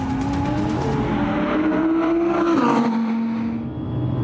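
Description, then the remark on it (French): A naturally aspirated Audi sports car accelerates hard down a race circuit's straight to over 225 km/h, its engine note climbing steadily in pitch as it pulls through the gears, loud with a strong, sustained roar. “La ligne droite du circuit de train va avaler à plus de 225 km/h.”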